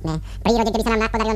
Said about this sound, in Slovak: Princa Bonifáca, ktorý stále džavoce.